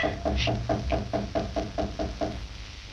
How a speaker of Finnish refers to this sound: Joku koputtaa ovelle. Ei soittanut kelloa, vaan koputti. Kukahan se on?